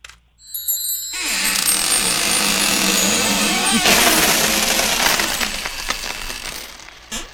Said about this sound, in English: So let me get my keys out. And put the key in the lock. Turn the lock.